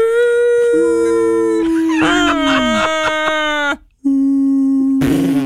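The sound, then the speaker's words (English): A voice imitates whale calls with loud, drawn-out moaning tones that waver and slide in pitch, breaking off briefly before another sustained, sweeping cry. “You'd be like, Dad, do you hear the sound of the whales?”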